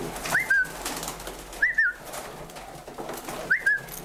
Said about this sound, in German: aber die jungen Tauben, die noch nicht so richtig eingeflogen sind, die verlieren den Kopf und hauen ab und die kennen das Gelände nicht und dann sind sie irgendwo und finden nicht mehr zurück.